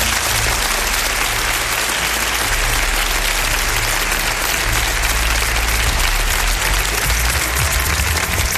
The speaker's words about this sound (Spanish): Un aplauso muy fuerte para ellos.